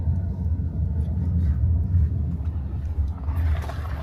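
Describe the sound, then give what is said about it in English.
Steady low-frequency road rumble fills a police car on a routine patrol of a Roma settlement area, a constant droning hum with faint engine noise, continuous throughout with no talking. “We are in the car right now.”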